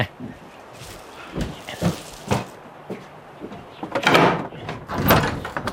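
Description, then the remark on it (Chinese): A home's door is opened for someone arriving: a few light knocks and latch clicks, then two louder rattling, scraping bursts as it swings, with faint footsteps around it. “我去开门，你忙。”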